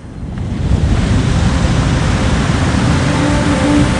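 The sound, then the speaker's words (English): Steady roar of ocean waves washing against the hull of a ship bound for New York, heard on deck in fog, a dense, continuous rush of water that swells in quickly and stays loud throughout, with no voices. “The rolling waves make me feel sick.”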